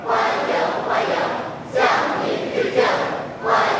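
A large group of young people lining the road outside the north gate of the Great Hall of the People cheers and shouts in greeting as medal recipients arrive, in loud, rhythmic surges, their voices rising and falling together in repeated waves of enthusiastic chanting.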